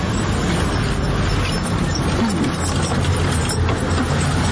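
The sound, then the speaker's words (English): A man's horse-drawn wagon bringing fruit to market rolls along a street in Barranquilla, hooves clip-clopping steadily amid rattling, creaking wheel and harness noise, all set in a constant wash of outdoor street ambience. “just listening to the environment around me, the sound of the motorcycle, the passing by of many cars, the murmur of voices, the sound of the bus as it passes by, or the sounds of a man on a horse-drawn wagon bringing fruits to market.”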